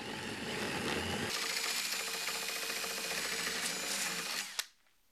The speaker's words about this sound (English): Now, all we have to do is put the larger hole saw inside the template and drill.